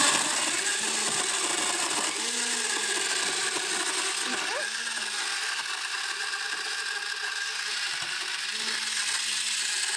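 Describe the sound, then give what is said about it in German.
A blender runs loud without pause, a dense grinding whir that holds steady from start to finish, with a low motor hum beneath the churning of ice and liquid as it mixes a frozen slushy drink. “Wenn ich jetzt keinen Mixer zu Hause habe, kannst du das mit einem Stabmixer auch machen?”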